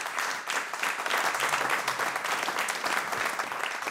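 Sustained audience applause at a concert after a piece for clarinet and piano, also for the composer, who is present; a dense, steady patter of many hands clapping at once, fairly loud and continuous throughout without any voices standing out.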